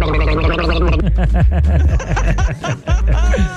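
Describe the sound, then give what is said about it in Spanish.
Loud, continuous gargling with a voiced, bubbling rattle that wobbles in pitch for several seconds, with a brief break near the end before it resumes. “Y te van a guardarme las gárgaras, güey.”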